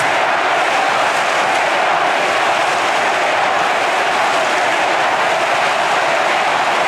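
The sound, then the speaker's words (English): A big stadium crowd at a match involving Brisbane, at a ground with a Punt Road end, roars in a steady, loud wall of noise that holds for several seconds without pausing, with no clear voices standing out. “And listen to the crowd.”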